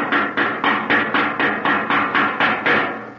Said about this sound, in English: Maybe you didn't knock hard enough. Oh, gee, you could hear that noise all over the island. Out here, yes, but if that room is soundproof, they may not have heard it inside. I'll try it again.